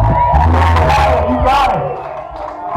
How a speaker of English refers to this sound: Make a round of applause for yourself tonight.